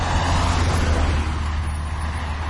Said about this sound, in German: LKWs und Autos, die einem den Hintern küssen, weil sie so dicht an einem vorbeifahren. Warum? Weil es keinen Fahrradweg gibt. Das ist die Realität auf der L37.